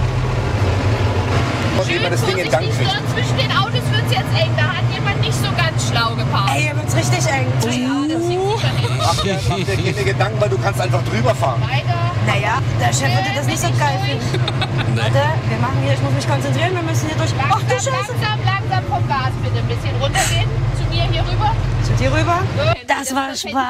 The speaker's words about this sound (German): und jetzt geht's rauf auf den Traktor. Der wird von der kleinsten Frau am Platz jetzt gefahren